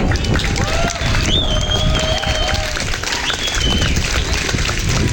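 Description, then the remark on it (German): A crowd breaks into sustained, loud applause for all the people who helped make the event happen, a dense wash of clapping with scattered cheers and whistles rising above it. “Und von euch auch nochmal bitte Applaus für all diese Leute.”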